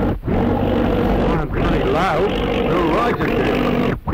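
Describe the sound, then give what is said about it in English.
A loud, rumbling aeroplane engine drones right overhead as the plane flies low and comes down to land, its steady roar briefly cutting out and sputtering several times as if the motor is faltering. “Oh, it's an aeroplane. Right overhead.”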